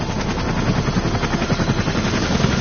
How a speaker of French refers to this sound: Dans un bruit de rotor assourdissant, 2 hélicoptères blancs se posent dans une clairière.